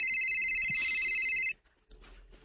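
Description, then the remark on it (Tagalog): A cellphone ringtone trills loudly and steadily for about a second and a half, then cuts off abruptly, leaving faint room noise. “Kinsa lang nanawag nimo”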